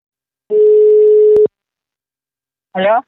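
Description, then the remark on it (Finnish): A steady telephone line tone holds for about a second as a phone call connects, ends with a sharp click, then after a short silence a brief voice answers. “Mutta seuraavaksi otamme puhelin yhteyden häneen.”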